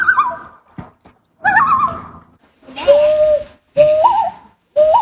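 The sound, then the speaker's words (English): A lake waterbird on a lake in Maine gives a series of loud, wavering calls in about four bursts, mid-pitched tones that slide and warble, somewhat like a whinny, with short pauses between and no talking. “A little duck-like. Yeah. But slightly different somehow. And they're iconic to the lakes here in Maine.”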